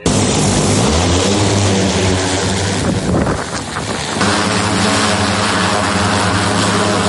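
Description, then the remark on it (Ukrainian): A heavy drone flies during a military operation to rescue a wounded soldier, its propellers producing a loud, steady buzzing drone with layered harmonic hum that briefly wavers and dips midway before resuming at full strength. No voices are heard. “Буквально за 10 хвилин дрон у повітрі.”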